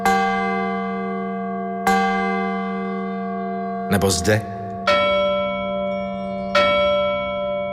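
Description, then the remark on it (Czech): A large grave safety bell, of the kind once placed on graves to alert the bereaved that the deceased was not dead, is struck five times at uneven intervals in an exhibition room, each loud clang leaving a long, humming resonance that overlaps the next, with a brief voice heard midway. “V této místnosti můžete vidět různé typy zvonků a píšťal, které měly být umístěny na hrobech, aby upozornili pozůstalé, že zesnulý není mrtev.”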